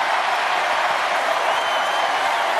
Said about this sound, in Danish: Det får altså stort bifald, faldt i god jord hos publikum, kan man høre.